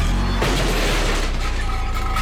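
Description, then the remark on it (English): A car backs into a green-waste garbage can: a low engine rumble, then a sudden loud crunch followed by a couple of seconds of clattering, scraping noise as the can is shoved. “The sound of a car backing into a garbage can.”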